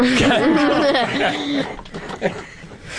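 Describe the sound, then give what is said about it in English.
Wavering, voiced laughter from someone getting over a cough gives way to a few short, rough coughing bursts set off by the laughing, uneven and moderately loud, with no clear speech. “The host has a lot of getting over a cough, and laughing makes me cough.”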